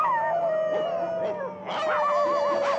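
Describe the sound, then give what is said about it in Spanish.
Several dogs out in the streets of a city howl together in a sustained, overlapping chorus, with pitches wavering and rising, plus a few sharper yelping onsets, fairly loud throughout, with no voices. “Los perros salen a las calles. ¡Cállense, perros! Sus ladridos se escuchan por toda la ciudad.”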